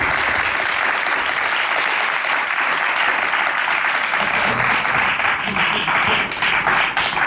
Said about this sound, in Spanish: Quiero agradecer también a todas esas personas que de forma voluntaria colaboran en este certamen, que lo mismo te ponen un cable, que te preparan un aperitivo y que siempre están ahí. Quiero de verdad un gran aplauso, sobre todo para todos.